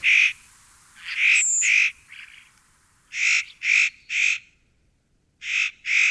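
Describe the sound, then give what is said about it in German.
A spotted nutcracker gives harsh, rasping calls, about eight loud grating bursts delivered in short uneven groups with brief pauses, clear with no voices. “Mein Vogel der Woche. Der äußerst cute Tanher, Nutcracker.”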